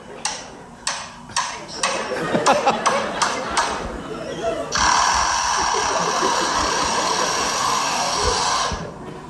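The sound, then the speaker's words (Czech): A lyrebird in a zoo, whose aviary had been repaired over several days, mimics a power screwdriver each morning: a run of sharp, rapid clicks and taps, then a steady, buzzing mechanical whir held for about four seconds before cutting off, loud. “Lirochvost? Počkejte, ještě přijde automatická ta šroubovák.”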